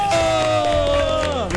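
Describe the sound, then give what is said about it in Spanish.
A loud, sustained cheering shout that holds one pitch and then slides downward at the end, like a voice imitating a crowd's cheer, greeting the segment 'La Casa de los Políticos'. No distinct clapping stands out. “¿Pero dónde están los aplausos?”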